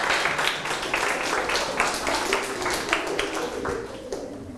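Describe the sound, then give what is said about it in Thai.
A class of students claps together for everyone during a Thai lesson on reciting memorized poems, a steady, dense patter of applause that carries on for several seconds, fairly loud and even, with no voices standing out. “ปรบมือให้ทุกคนเลยครับ”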